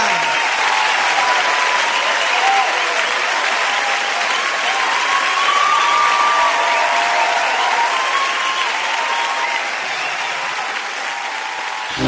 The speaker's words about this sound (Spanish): Muchas gracias. Un fuerte aplauso a la Chiringuita.